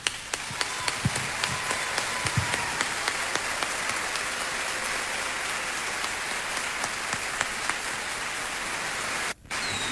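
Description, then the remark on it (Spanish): A crowd applauds the artists on stage steadily for about ten seconds, a dense, even wash of many hands clapping at once, with a brief sharp dip just before the end. No one speaks. “Y yo les brindo mi aplauso personal.”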